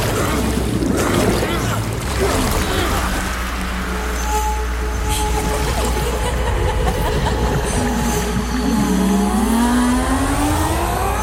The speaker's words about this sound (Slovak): Obrovské ústa plné vody. Hltá lode a rozdrvené ich vyvrhuje. Obrovský vír. Stiahne nás na dno. Všetci k veslám. Kormidelník, doprava loď. Veslujte, veslujte.